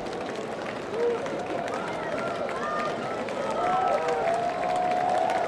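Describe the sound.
A baseball crowd at a Goldeyes home game on a Wednesday evening roars in a steady, dense wash of voices and cheers, with a brief lift early on and a swell near the end, plus a few high shouts or whistles.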